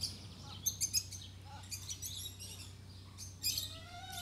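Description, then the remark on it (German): High, thin chirps of a hen and her chicks come in quick clustered bursts, pausing between flurries, over a steady low hum, as the hen guards her chicks and keeps a man from coming nearer. Nobody speaks. “Aber die Henne lässt ihn nicht.”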